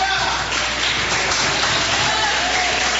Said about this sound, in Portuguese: Aleluia, a palavra volta ao servo do Senhor com palmas e glória.